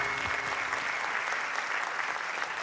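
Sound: applause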